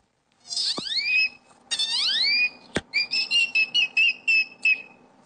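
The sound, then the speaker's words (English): A boy imitates a great-tailed grackle with loud, high, sliding whistles, two long rising sweeps, then a sharp click and a rapid series of short chirping whistle notes. “When I was 4 years old at the zoo, I started mimicking this great toad grackle that was bothering my sister. And what does the great toad grackle sound like?”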